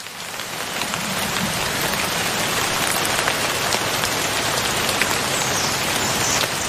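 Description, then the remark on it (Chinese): Steady rain pattering on leaves, a dense, even hiss of countless drops with scattered closer taps, continuous and fairly loud throughout, with no voices. “它们会一滴一滴地收集挂在枝叶上的雨水喝下。每次下雨都是树懒喝水的好机会。”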